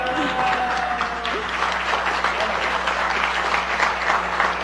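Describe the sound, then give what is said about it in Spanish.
Loud, sustained applause from a crowd, a dense continuous wash of clapping lasting several seconds, with a brief tonal whistle-like sound near the start, applauding the Noticiero Científico y Cultural Iberoamericano. “Y bueno, al primer lugar, pues obviamente me llena de muchísimo orgullo y quiero que le aplaudan muy, muy fuerte porque es para el Noticiero Científico y Cultural Iberoamericano.”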